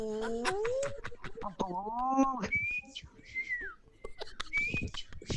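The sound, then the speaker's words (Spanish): A voice imitates a cooing dove with wavering, gliding hoots, followed by several thin, high whistled tones. Fairly loud, with no clear speech. “Ay, tengo una paloma como la tuya.”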